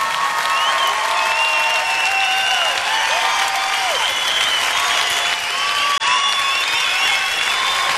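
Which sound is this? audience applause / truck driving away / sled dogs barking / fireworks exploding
audience applause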